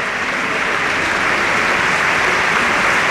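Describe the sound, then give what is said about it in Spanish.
A large crowd at the RC Stadium applauds steadily in the 21st minute of a match against Elche, in memory of captain Dani Jarque, a dense, sustained wash of clapping at even loudness from start to finish, with no clear voices standing out. “Cuando alcanzamos también el minuto 21, como siempre, aplaudiendo la grada del RC Stadium en memoria del eterno capitán Dani Jarque.”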